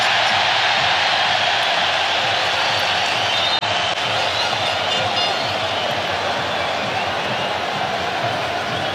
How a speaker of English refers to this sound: A steady beat of the drum to accompany this football match